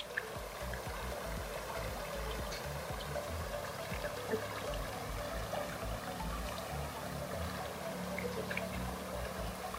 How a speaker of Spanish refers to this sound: En este espacio, el sonido burbujeante del agua de verdad que produce una sensación de calma y tranquilidad.